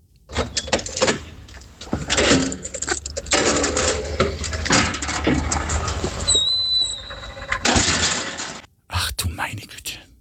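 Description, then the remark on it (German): Metallic clanking and rattling as a heavy underground car park door is unlocked, a short high squeak as it swings, then a loud bang as it falls shut, followed by a brief echoing rattle. “das war das Geräusch der Tiefgaragentüre beim Aufsperren und wie sie wieder zufällt”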